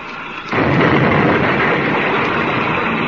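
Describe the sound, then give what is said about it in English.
A low hum gives way half a second in to a sudden, loud explosive crash as a spaceship rams a gang ship, which swells into a dense, steady roaring rumble that holds to the end, with no voices. “They're going to ram.”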